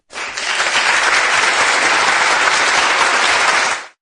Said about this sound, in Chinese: 没等那个迎进来呢，就开始有掌声了啊